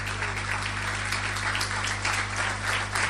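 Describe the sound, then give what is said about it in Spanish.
An audience at a church service applauds the Lord steadily, a dense wash of many hands clapping at once with no individual claps standing out, over a constant low hum. “Aleluya, denle un aplauso al Señor si quiere hacerlo.”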